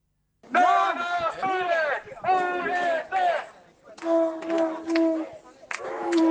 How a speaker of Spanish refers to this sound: Sonido en directo en Arrecife, en Lanzarote, sobre la protesta. La movilización ciudadana, respaldada por distintas asociaciones, colectivos y organizaciones sociales, reclamaron una mayor participación también en los derechos de las personas.